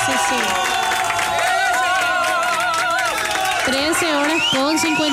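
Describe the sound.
A crowd cheers and applauds steadily for the UIS, a dense wash of many excited voices over a continuous rush of clapping that stays loud throughout.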